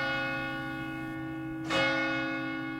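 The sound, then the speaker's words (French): Church bells ring steadily with a rich, sustained metallic hum, a fresh strike adding a brighter surge near the end, heard alone without any voices. “J'imagine qu'ailleurs, il y a autre chose que les cloches qui sonnent quand ces moments se produisent.”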